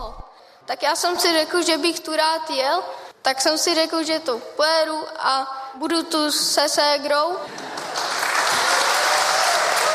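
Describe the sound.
A man's voice speaks for several seconds, then loud, steady applause from an audience takes over and continues to the end.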